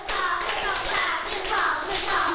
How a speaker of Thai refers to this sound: ถ้าพร้อมแล้วปรบมือ5ครั้งเบามากปรบมือ1ชุด